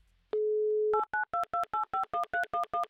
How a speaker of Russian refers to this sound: Номер телефона мы набрали, ждем соединения, где же наше соединение, где наш писк, как мы любим, конечно же, говорить, вот он произошел, теперь ждем соединения, переворачиваем песочные часы